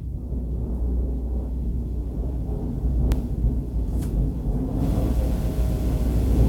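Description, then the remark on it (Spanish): Thunder rumbles low and steady outside, a deep continuous roll with a couple of sharp crackles partway through, fairly loud with no voices present. “Oiga nomás, viejote, cómo se oye por ahí los truenos aquí afuera.”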